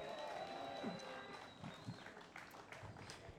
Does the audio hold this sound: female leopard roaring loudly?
no